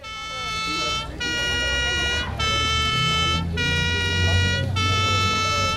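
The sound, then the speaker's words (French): A fire engine arrives sounding its horn and siren in five loud, sustained blasts separated by brief gaps, with a low rumble of traffic underneath. “Arrivée des pompiers.”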